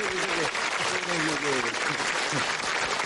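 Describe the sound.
A crowd applauds loudly and steadily for about three seconds, a dense wash of clapping with voices faintly audible underneath.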